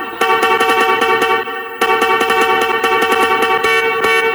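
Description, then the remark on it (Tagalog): A loud, blaring horn sounds almost continuously, with rapid pulsing stutters and a brief dip partway through before resuming at full volume. No voices accompany it. It is a horn sound effect played on Heart FM radio during the morning segment The Price is Rice Overload. “Si Horn talaga natin.”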